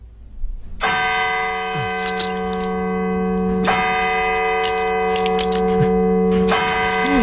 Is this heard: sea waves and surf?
no